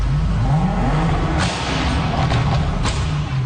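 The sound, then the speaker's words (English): Steady traffic rumble at a busy intersection in Cologne, Germany, with several cars passing in quick succession both in front of and behind the listener, their engines droning and brief whooshes cutting through the continuous roar. “And it was a busy intersection, but the cars weren't just passing in front of me, they were also passing behind me.”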